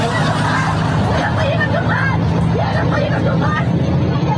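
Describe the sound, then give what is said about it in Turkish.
Steady rumble inside a moving metrobus in Istanbul heading toward Zincirlikuyu, with a low engine drone, overlaid by a dense murmur of passengers chatting all around. “İstanbul Zincirlikuyu yönüne doğru giden bir otobüste, metrobüste özür dilerim”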